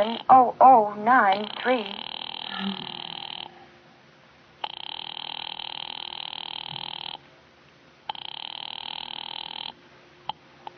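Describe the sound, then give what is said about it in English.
A telephone ringing heard down a line as an operator rings a Murray Hill number, an office: three long, steady buzzing rings separated by short pauses, preceded by a brief warbling, wavering tone at the start. “Ringing Murray Hill”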